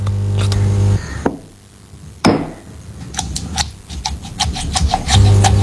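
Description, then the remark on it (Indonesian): Chilies being ground with a stone mortar and pestle in a home kitchen, crushed with a wrist motion rather than pounded: a couple of separate knocks, then a quick, steady run of about ten stone-on-stone taps, with a low hum at the start and end. “Ulekan itu digerus pakai pergelangan, bukan dipukul kayak palu.”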